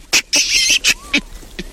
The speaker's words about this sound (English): From one of the biggest monkeys around. They're covered in hair, and they're well known for their bright red bum.